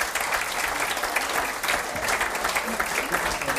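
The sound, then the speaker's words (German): A steady burst of audience applause, dense clapping with a brief dip partway through, then continuing at an even, fairly loud level to the end. “das ist ein Applaus, liebe Jogeländer.”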